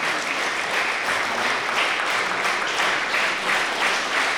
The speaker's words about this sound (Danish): Og dog. Lad os se, om de kommer tilbage. Det gør de sørme. Publikum fik klappet dem ind igen.